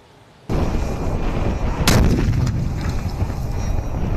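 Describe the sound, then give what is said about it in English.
A drone-dropped Breaker bunker rupture warhead, tested by the Pentagon, explodes with a sudden loud blast after brief quiet, followed by heavy rumbling, a second sharp crack, and a long roaring decay. “We've been testing the Breaker, a bunker rupture warhead that can be carried by a drone. And when dropped, watch out.”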